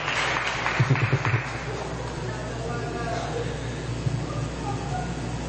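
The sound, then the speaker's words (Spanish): An audience applauds the Young Adults Ministry in a steady wash of clapping with a few louder bursts early on, mixed with crowd murmur and a low background hum. “Ministerio de Adultos Jóvenes. Un aplauso.”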